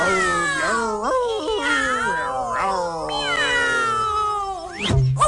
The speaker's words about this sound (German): Na, die Katze? Miau. Oh ja. Miau.